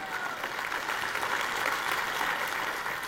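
An audience at a church sermon claps together in a short burst of steady, dense applause, a bright continuous patter of many hands with a faint murmur of voices underneath.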